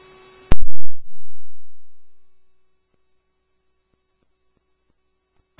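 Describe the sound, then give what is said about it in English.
Fire dispatch alert tones for Coppercliff: a brief buzzy tone, a sharp click and a low thump, then a faint steady tone that lingers over radio static, with another click at the end. “One day before I ask you to hear your tones for Coppercliff, time is 11:08.”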